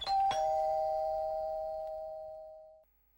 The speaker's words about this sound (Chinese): 看看四周无人，赶紧按门铃。